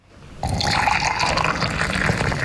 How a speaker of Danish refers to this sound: Grunden til, at der er to lyd, det er, fordi jeg hældte op i et lille og stort glas.